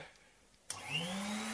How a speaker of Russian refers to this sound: А может, пойдешь в другую комнату, пока я тут буду пылесосить, а?